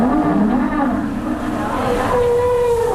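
Icy wind blowing in Antarctica at about 14 degrees, in a steady, loud rushing roar that barely lets up for the whole stretch, with a low droning hum and faint wavering tones running underneath.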